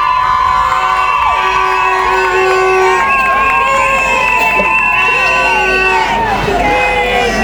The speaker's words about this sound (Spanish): Un fuerte aplauso.